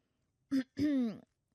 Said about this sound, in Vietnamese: Thủ lĩnh người sóng, chú Charlie hắng giọng thật to.